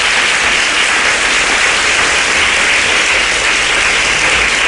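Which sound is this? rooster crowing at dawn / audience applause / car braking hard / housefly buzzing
audience applause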